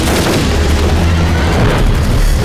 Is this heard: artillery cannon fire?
yes